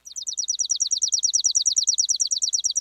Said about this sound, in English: Songs can also be dry and mechanical, like this chipping sparrow's.